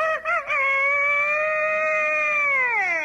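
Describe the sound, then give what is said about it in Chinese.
A man's voice, asked to imitate a dragon's call, imitates a rooster's crow instead: a few quick choppy notes followed by one long, strained, drawn-out call that sags at the end, loud, with no other sounds. “你学的这是龙啊？ 这是鸡。”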